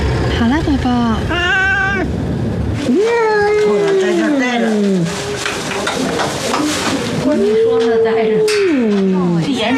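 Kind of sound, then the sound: animal, cat meowing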